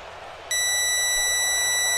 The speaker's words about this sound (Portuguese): 8h45 da noite, marcando o quinto sinal Bandeirantes, hora de Brasília.